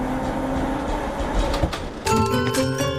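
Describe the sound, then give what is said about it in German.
A tram rumbles steadily along its rails, then a sharp, ringing metallic wheel squeal rises and holds for the last second, fairly loud, with no one speaking. “Mit der Straßenbahn.”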